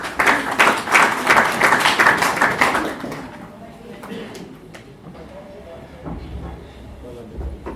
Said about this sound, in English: Karibu sana, may we clap